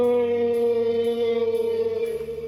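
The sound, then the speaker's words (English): A long, moaning whale call sounds alone, loud and steady, with rich droning harmonics and a slight downward shift in pitch near the end. “Oh, no, no, no. Sorry, Mr. Whale.”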